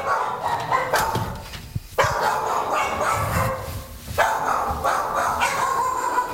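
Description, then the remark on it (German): Several dogs in a kennel bark and yip over one another indoors, having come back inside when heavy rain began, a dense continuous chorus with brief gaps, echoing and loud. “Da sind ein paar der Hunde wieder nach innen gezogen, wie man unschwer hören kann.”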